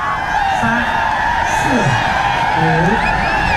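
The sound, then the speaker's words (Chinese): A crowd of spectators at a yak-riding race cheers and applauds the thrilling contest, with scattered whoops and shouts rising over a steady, loud wash of voices and clapping that lasts throughout. “惊险刺激的比赛场面也赢得了现场观众的阵阵掌声和欢呼声。”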